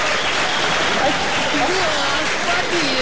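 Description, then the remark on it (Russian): Steady, dense applause for a quiz contestant's win fills the whole stretch, a broad crackling wash of many hands clapping at even loudness, with faint tonal voice fragments surfacing briefly beneath it. “Да и вообще, знаете ли, аплодисменты.”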